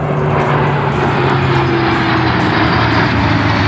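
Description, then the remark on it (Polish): A loud, steady roar of military fighter jets flying overhead above the Vistula River during military rehearsals, the engine drone holding constant with a low hum underneath and no voices present. “Nad ranem odbyła się próba generalna, wcześniej w nocy Wisłostradą przejechał ciężki sprzęt, a wczoraj nad Wisłą latały wojskowe myśliwce i helikoptery.”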